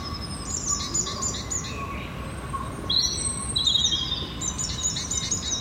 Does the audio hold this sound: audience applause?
no